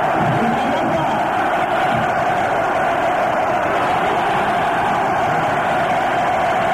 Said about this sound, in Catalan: Vaquero, que saluda amb la mà i provoca l'ovació del públic.